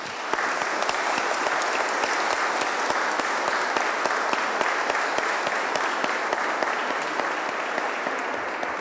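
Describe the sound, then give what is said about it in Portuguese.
A church audience claps steadily throughout to welcome the children to be baptized, a dense, even patter of many hands at a consistent moderate loudness, with no voices rising above it. “Acolhemos as crianças que serão batizadas hoje com uma salva de palmas.”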